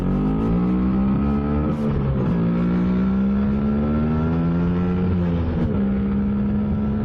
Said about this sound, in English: Happy birthday to that beautiful Italian scooter, the Vespa.